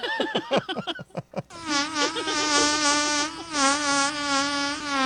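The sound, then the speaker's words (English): A fart sound starts with a quick run of sputtering pops, then stretches into a long, steady, wavering buzz that sounds like a swarm of flies, fairly loud throughout. “Did that fart not sound like a bunch of flies?”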